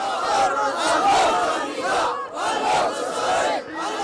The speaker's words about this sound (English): Crowds chanted and raised weapons, celebrating the group's advance along the country's Red Sea coast.